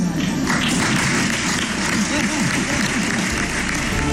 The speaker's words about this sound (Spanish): Dicho esto, confirma que habrá presentación de presupuestos y ganas de presentarse y seguir gobernando otros 4 años, pero sin la cerrada ovación de otras ocasiones, o al menos así sonaba.